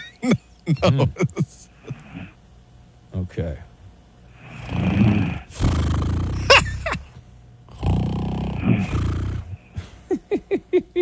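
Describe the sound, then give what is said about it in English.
Loud, rasping snoring from a woman asleep: two long, rough, heavy snores in a row, with people talking briefly before and after them. “Oh, I hear a little snore. Oh, okay. It turns out she's got a little snore situation.”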